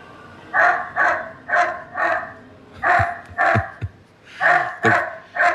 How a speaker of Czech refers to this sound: My víme, že umí i štěkat. Teď si to můžeme poslechnout.